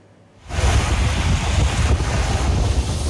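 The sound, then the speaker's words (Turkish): Black Sea waves surge and crash against the shore at Karaburun harbour in Arnavutköy, Istanbul, Turkey, where wave energy is used to generate electricity, in a steady, loud roar that swells in after a quiet moment, with wind buffeting the microphone throughout and no voices. “Karadeniz'in dalgaları elektrik üretiminde kullanılıyor.”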